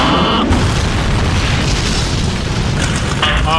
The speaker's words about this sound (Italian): Credo che l'aereo di Maverick, come comandante, che sia schiantato al suolo.